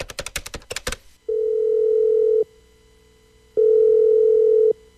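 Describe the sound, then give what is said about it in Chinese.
A quick burst of clicky dialing sounds, then two long, steady ringback tones separated by a pause, clear on the line as a man phones his family at home and the call connects and rings. “便给家里打了一个平安的电话。”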